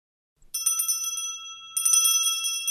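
The doorbell at the door of Professor Weierstrass's house in Berlin rings in two bright, rattling bursts, a rapid metallic trill that pauses briefly and then starts again, fairly loud with no voices.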